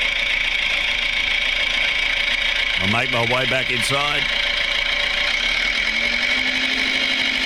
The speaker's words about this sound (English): There he goes on the little red tractor.